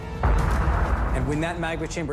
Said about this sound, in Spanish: La presión aumenta hasta que la superficie terrestre se agrieta. Y el volcán explota.